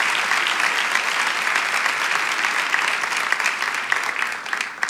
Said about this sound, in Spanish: Vamos, si tú lo quieres, dale ese aplauso a Jesucristo en esta tarde. Amén.